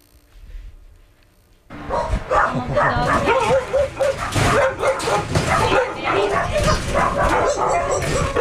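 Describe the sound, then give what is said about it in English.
Several dogs bark loudly and continuously, with yips and whimpers mixed in, after a brief quiet lead-in, at a foster home-based animal rescue in a small house in West Tampa; the chorus sounds crowded. “is tending to the dogs at the Merciful Project, a foster home-based animal rescue located at a small house in West Tampa.”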